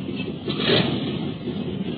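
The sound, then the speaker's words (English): The second engine of an airplane roars into life, a dense, grainy drone that swells briefly near the start and then holds a steady, even rumble for the rest of the two seconds, with no voices. “Well, there goes the second motor.”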